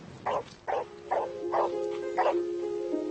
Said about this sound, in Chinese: 吠叫是狗最基本的交流手段之一，了解狗如何吠叫和它想表达的意思，一直以来都是吸引研究人员的课题。